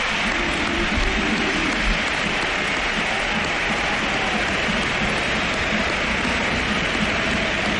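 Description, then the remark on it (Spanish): A large crowd at the Sánchez Pizjuán stadium gives footballer Luka Modric a standing ovation: a dense, steady wash of applause and cheering that holds at an even, loud level for the whole stretch, with no speech over it. “y ovación a Modric, que también le han pegado. Esa ha sido brutal.”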